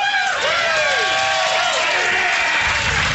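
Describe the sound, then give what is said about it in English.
A live audience at a Friday-morning radio show cheers and applauds loudly in pouring rain, with sharp whistles and whoops rising over dense, continuous clapping throughout, energetic. “It is pouring rain, and there are people who've come. So I'm taking up for this crowd.”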